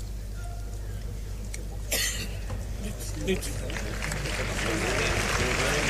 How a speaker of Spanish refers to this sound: Y palmas a la voluntad del torero